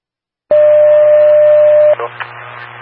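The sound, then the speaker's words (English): A Winnebago radio dispatch paging tone: one loud, steady mid-pitched beep held for about a second and a half over hissing radio static, then cutting off into brief crackles and hiss. “Cross, go across, disregard these tones, it's not for you.”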